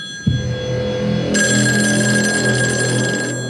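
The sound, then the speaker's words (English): An office telephone rings loudly, a steady electronic trill that starts abruptly and sustains, with a bright high tone layered in partway through. No one speaks. “His office phone rings.”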